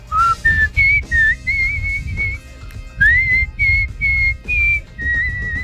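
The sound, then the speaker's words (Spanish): A female pet bird whistles a clear, tuneful string of sliding and held notes in several short phrases, fairly loud, over a low background rumble with no one talking. “llegó el pajarito, ya lo oí, o pajarita, mejor dicho. Bueno, por favor, dedícale un silbidito, por favor.”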